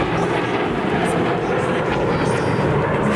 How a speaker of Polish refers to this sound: Trwa defilada z okazji Święta Wojska Polskiego. Tłumy odwiedzających obserwuje najnowocześniejszy polski sprzęt wojskowy. Na niebie pojawiły się m.in. myśliwce F-16, F-35, a także m.in. samoloty F-50.